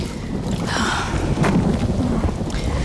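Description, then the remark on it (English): Steady, heavy rain pours down without a break, a dense hiss filling the scene, with a deep low rumble underneath. No one speaks. “Oh, it would rain.”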